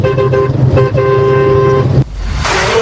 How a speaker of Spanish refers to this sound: Ahí va la bocina.